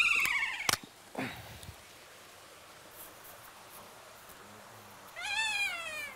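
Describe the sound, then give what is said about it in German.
Kea parrots screech in shrill, wavering, mewing calls in the snow, one loud burst at the start and another near the end, separated by a quiet stretch with a soft thump. “Man hört jetzt auch, wie sie hier rumschreien, wie sie diesen Schnee begrüßen sozusagen.”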